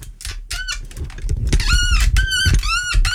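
A creaky microphone stand squeaks repeatedly up close, a run of loud, high-pitched creaks and groans that rise and fall in quick succession over a low rumbling thud.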